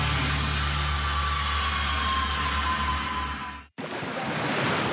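Steady rushing sea waves with a deep, low rumble underneath, loud and continuous, cut by a sudden brief dropout before the surf noise resumes. No one speaks.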